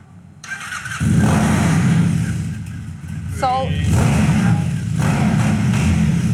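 A Mud Motorcycles bike's engine cranks to life about a second in and runs loud, a brief high whine cutting in midway before the engine revs up and keeps rumbling steadily.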